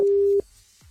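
A single short burst of a steady electronic telephone tone, clear, cutting off abruptly into near silence: the ringing tone of an outgoing call made to ring back someone who had texted in.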